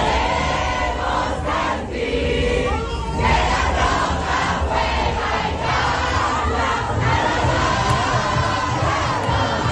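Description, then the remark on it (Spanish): A large crowd celebrating with flags in city squares such as Plaza del Arenal and Plaza del Caballo chants and cheers continuously, a dense, loud roar of many voices with shouted calls rising above it, amid car horns and fireworks, with a few sharp bursts breaking through. “La Plaza del Arenal, en Mamelón, la Plaza del Caballo, todos estos puntos se llenaron de banderas, abrazos, cánticos, bocinazos y fuegos artificiales en una celebración que se prolongó hasta bien entrada la madrugada.”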